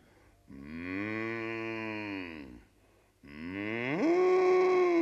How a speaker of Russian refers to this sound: Гляди, вон коровы.